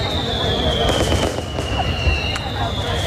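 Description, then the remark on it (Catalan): Firecrackers go off in a few sharp, scattered cracks over a dense, rumbling outdoor background, with a thin high whistling tone running steadily throughout. “Celebrar la vida amb petards, per exemple.”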